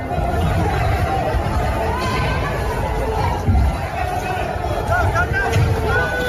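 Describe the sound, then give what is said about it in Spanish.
A dense, continuous roar of a rioting crowd in the street, many voices blending into a loud steady din, with a few brief raised cries rising above it near the end. “Escuchamos en efecto disturbios y lo que nos enseña el vídeo es una sucesión de coches volcados en las calles de París con dos turismos en llamas, pero el vídeo es falso.”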